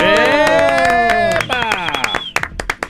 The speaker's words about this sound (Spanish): Quiero que le demos un aplauso.